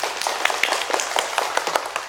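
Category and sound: crowd, children applauding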